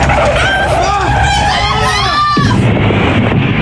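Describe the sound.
At night in heavy snow with poor visibility, car tires screech with wavering, high-pitched squeals alongside screaming voices, then a loud crunching impact as another car hits theirs directly, wrecking the car, followed by a steady rumbling wash of noise.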